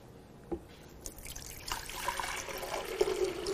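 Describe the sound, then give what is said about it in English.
Warm water pours steadily into a container, a continuous splashing trickle with a few small drips, moderately quiet and with no one talking, as the first step in making a home remedy called rocket fuel. “What we use, we'll take a little bit of water.”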